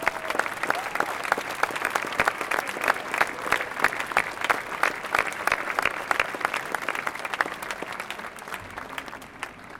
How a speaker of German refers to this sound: Diesen Einsatzkräften gilt mein und unser aller Dank. Sie haben sich jetzt einen riesen Beifall redlich verdient.